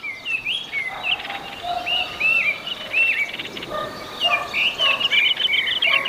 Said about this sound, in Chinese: 茶树和灌丛依旧是雏鸟的庇护所。听到雏鸟的起食声，父母会继续喂养它们。在这茶园中，鸟儿已学会了与人和谐共生。